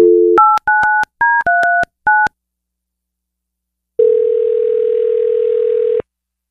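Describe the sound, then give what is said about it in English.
A quick run of touch-tone keypad beeps dials a number, then after a short pause a single steady ringback tone sounds for about two seconds, as a radio show phones a man's wife. No voices. “Let's get your wife on the phone.”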